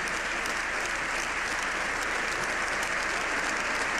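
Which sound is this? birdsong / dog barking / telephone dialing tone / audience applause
audience applause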